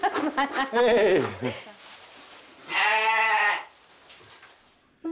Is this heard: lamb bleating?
yes